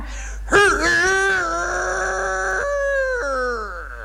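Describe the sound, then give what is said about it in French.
A human voice imitates a rooster's crow, recreating the cry once performed on the stage of the Porte Saint-Martin in 1910: one long, strained, wavering call that starts with a sharp rise, holds a quavering pitch for a few seconds, then drops and trails off, fairly loud. “Je voudrais que vous nous imitiez au moins une fois le cri du coq, tel que vous l'avez fait en 1910 sur la scène de la Porte Saint-Martin.”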